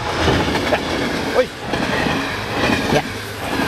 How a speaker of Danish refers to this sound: Man kan høre, toget kommer i øvrigt.